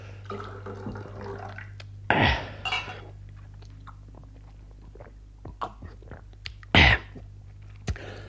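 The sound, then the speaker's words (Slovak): A short splash of liquid being poured into a glass, followed by scattered small clinks and taps and a second brief pour, over a steady low hum, with no one speaking. “Ešte dobre, že mi kvapka potechy zvýšila.”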